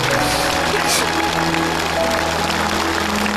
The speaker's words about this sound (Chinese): 你们帮助了一次团圆，我们应该给你鼓鼓掌。